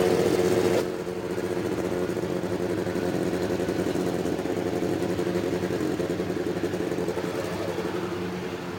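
A loud, dense roar of 33 race car engines starting up together along the main straightaway, set in 11 rows of three, a thick rumbling drone with layered revving that holds steady throughout, with no voices.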